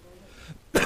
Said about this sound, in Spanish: Me cagó la tos, la puta madre. Che. Qué culiada esta tos de mierda.